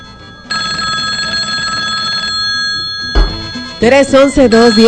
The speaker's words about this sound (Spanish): tenemos una línea de teléfono. A ver qué suene.